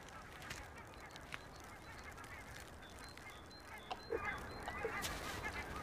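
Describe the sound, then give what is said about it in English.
A loon, seized by a young eagle on a lake where it came from the far north to spend the winter, gives a few short, harsh honking cries in quick bursts, faint over a steady background hiss, with no voices present. “He has seized a loon which came to this lake from the far north to spend the winter here.”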